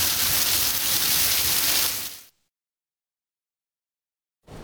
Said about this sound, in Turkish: Ankara'da gün içerisinde etkili olan sağanak yağış sonrası Samsun yolu istikametinde sel suları etkili oldu